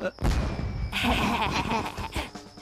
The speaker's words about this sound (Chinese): 是你们？烟花是你们放的吗？